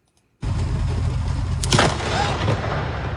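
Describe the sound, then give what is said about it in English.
A sudden, very loud thunderclap from an overnight lightning storm over Metro Vancouver, recorded near 4th and Burrard in Vancouver, breaks the silence. A heavy, sustained low rumble then rolls on, with a sharper crack bursting through midway. No voices are heard. “Multiple thunderbolts created incredibly loud booms and bright flashes that lit up people's rooms.”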